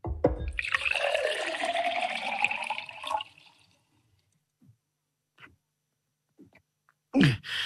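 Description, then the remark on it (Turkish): Water pours into a drinking glass offered to a breathless visitor, a steady splashing stream for about three seconds whose pitch rises as the glass fills, followed by a few faint drips and a brief sharp clatter at the end. “Buyurun bir bardak su için.”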